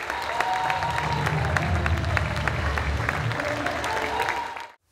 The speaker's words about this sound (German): Ganz hervorragend gemacht, meine Damen. Und damit genießt hier euren Applaus.